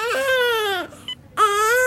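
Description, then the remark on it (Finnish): A baby wails in two loud, sustained cries, separated by a short gasping pause, with no one speaking. “Siinä se nyt on. Meidän omaa vauva.”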